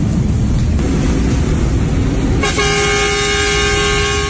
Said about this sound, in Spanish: Toquen bocina en el área de accidente y despidamos a Gago.